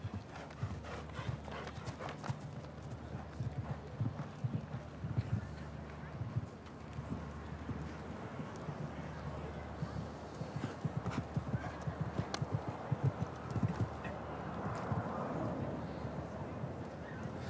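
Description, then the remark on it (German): Horse hooves trot steadily in a quick clip-clop rhythm, fairly loud, with a brief whinny, some wind and background bustle, and a voice speaking over the sound. “Schon schön da oben, denkt sich das Pferd. Einmal kieken und dann löppt das wieder.”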